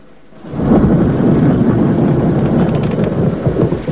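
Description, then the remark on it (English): A rumbling roll of thunder from a nighttime thunderstorm swells in after a quiet start and sustains as a deep, continuous roar, with steady rain hiss layered over it and no voices. “A nighttime thunderstorm lights up the sky.”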